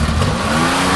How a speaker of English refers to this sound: Do you have a car that sounds like this?